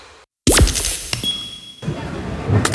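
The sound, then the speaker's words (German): After a brief silence, a phone drops with a sudden sharp crash. Glassy tinkling and ringing tones follow, trailing off into a thin high whine and low background noise. “Oh nein, mein Handy. Oh komm schon, geh wieder an, komm.”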